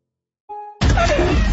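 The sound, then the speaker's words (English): Worn windshield wipers drag across glass: a brief, thin rubbery squeal, then a loud, harsh scraping smear that fills the rest of the moment, with no voices. “That sound? That's your wipers telling you it's time for a change.”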